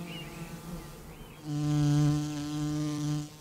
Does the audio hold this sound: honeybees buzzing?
yes